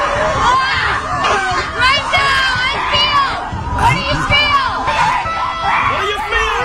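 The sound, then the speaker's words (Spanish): A group of women scream and shriek together in a forest at a nature retreat meant to release tension through screaming, their high voices overlapping in a loud, continuous clamor that rises and falls for several seconds, sustained throughout. “Tenemos ahí a las mujeres ahí gritando, sí, señor.”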